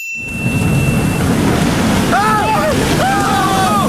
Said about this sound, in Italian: Che cazzo di onde ci sono? Ah, non ho mai visto una cosa simile!